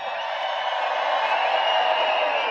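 A large festival crowd roars and screams continuously, a dense wall of cheering that holds steady and loud for the whole moment, with no single voice standing out.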